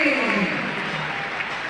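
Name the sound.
crowd applause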